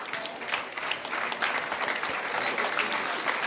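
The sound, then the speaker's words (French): A concert crowd applauds steadily to welcome a music group onto the stage before two songs, a dense wash of many hands clapping at an even loudness for several seconds, with no voices standing out. “Je vous demande également de les accueillir très chaleureusement pour ces 2 prochains titres. On peut vous applaudir.”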